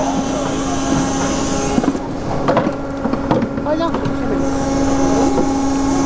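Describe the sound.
A steady, droning boat engine hums over a wash of wind and water noise, with brief voices breaking in midway.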